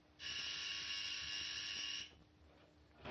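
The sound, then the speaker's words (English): A patient's call buzzer in the Centerburg Hospital, pressed by Rock Harden, sounds in one loud, harsh, sustained buzz lasting nearly two seconds, then cuts off abruptly, leaving quiet background tone. No one speaks. “Will you please take your hand off that buzzer, Mr.”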